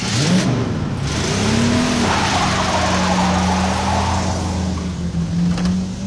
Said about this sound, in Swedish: Bilen körde i full fart. Hus och hotell susade förbi.